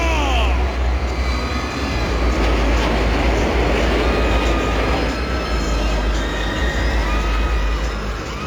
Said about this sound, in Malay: akan diteruskan lagi dengan kombinasi terbang lintas pesawat pejuang milik QDM dalam formasi Diamond. Dan sekali lagi terdiri daripada pesawat nombor 12 Skodran SU-30FKM. Diikuti rapat dari nombor 18 Skodran F-18 Dionet dan nombor 6 Skodran B-A-E-H.